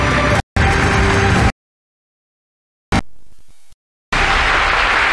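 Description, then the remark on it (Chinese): Loud, dense applause from an audience at an award announcement event in Nanning, welcoming the pig-breeding division of Guangxi Yangxiang Group: a steady wash of many hands clapping that breaks off abruptly into silence several times before the clapping resumes. “下面，让我们用热烈的掌声，有请广西阳翔集团股份有限公司养猪事业部欢迎。”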